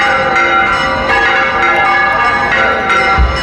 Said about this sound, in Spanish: Esto que escuchan es la historia de una llamada, la curiosa historia detrás de las campanas del santuario de la Blanca Paloma en la aldea del Rocío. Un sonido que no le pasa desapercibido a nadie, ni a los habituales, ni a los recién llegados,